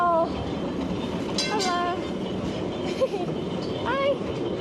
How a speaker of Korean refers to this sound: 와, 너무 예쁘다. 기차가 너무 앤틱하고 예쁜데요? 상점 사이로 트램이 지나가는데요. 20세기 초부터 운행된 트램은 예전에는 주민들의 교통수단이었지만요. 이제는 관광 트램으로 운영됩니다.